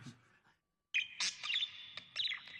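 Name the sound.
white parrot chirping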